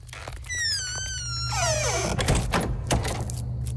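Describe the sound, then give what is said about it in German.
A door swings shut with a long, wavering hinge squeal that slides downward, followed by a few solid clunks as it is latched and bolted. “Am besten, du bleibst gerade hier und wir machen die Tür auch wieder zu und verriegeln sie.”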